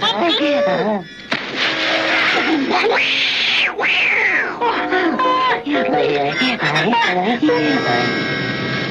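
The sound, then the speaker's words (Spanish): A cat yowls and meows loudly in several drawn-out, rising and falling cries, with voices and busy cartoon-like background sounds mixed in throughout. “No se atreverá a cruzar este tronco. Los gatos odian mojarse.”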